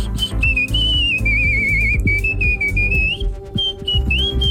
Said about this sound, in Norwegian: Helt enestående plystreferdigheter som også hjalp ham med å kapre kona. Det verste var at hun likte plystringa mi, for da hun hørte at jeg plystret i dusjen, så var det noe tydeligvis noe muntert.